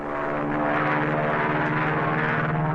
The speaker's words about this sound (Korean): 저 봐요. 미제의 비행기가 이 마을 상공을 빙빙 돌아요. 우리 병원은 은폐가 잘 됐는데 왜 놈들이 여기서 맴돌까요?